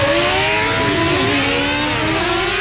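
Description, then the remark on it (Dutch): A moped engine is started and revs loudly at 7:00 in a still-sleeping neighbourhood, its buzzing pitch climbing and dipping in uneven surges for a few seconds, with no voices. “Piet start zijn brommer.”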